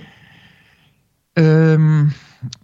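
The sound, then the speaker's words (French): A faint, airy inhale gives way to a loud, steady voiced exhalation held for under a second, like a deliberate humming sigh, demonstrating the exhale of the Khamsa breathing exercise, followed by a brief soft breath noise. “Et ensuite, ça, quand on expire, on imagine que toute cette lumière, elle passe par le cou et elle rentre dans le cœur.”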